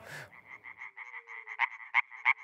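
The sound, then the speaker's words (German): A European tree frog calls in a rapid, steady series of harsh, nasal pulses around a mid-high pitch, growing louder with several strong accented bursts toward the end; no voices. “Mithilfe dieser Schallblase kann ein einzelner europäischer Laubfrosch bis zu 90 Dezibel erreichen, lauter als ein Staubsauger.”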